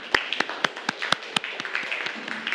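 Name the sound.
classroom clapping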